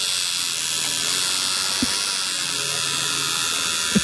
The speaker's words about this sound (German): Klingt so ein bisschen wie meine elektrische Zahnbürste. Ist aber eine Tattoo-Nadel.